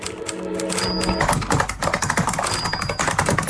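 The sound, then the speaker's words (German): Rapid clattering keystrokes from a keyboard or typewriter, a dense busy rhythm of taps, with a faint tonal beep layered in, no speech. “Tippen, Tasten, Funken, Radio.”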